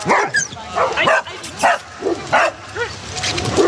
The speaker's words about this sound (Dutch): Er wordt flink geblafd hier bij het zwembad. De honden zijn met elkaar aan het spelen in het poedelbadje.